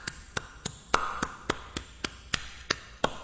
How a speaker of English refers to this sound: Can you hear that? You know what that is right there? That's the language of the nation. So what are you talking about? Well, if you hear this, this is what clapping sounds like in Africa.